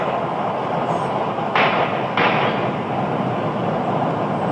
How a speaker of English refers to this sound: That's gunshots, right? That's gunshots, yeah. So that's gunshots, and I go, oh, boy.